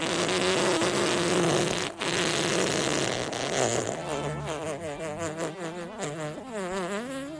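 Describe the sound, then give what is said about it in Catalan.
A long, buzzing fart sound rasps loudly for several seconds, then breaks into a wavering, sputtering tail that trails off unevenly, with no talking over it. “Sí, jo vull acabar perquè aquest pet m'ha deixat mal de panxa.”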